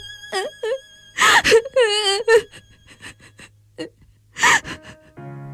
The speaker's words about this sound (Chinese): 说着便大哭起来。